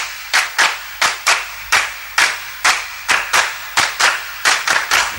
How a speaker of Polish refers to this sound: a skoro już o tym mowa, to teraz dla pewnej dziewczynki brawa.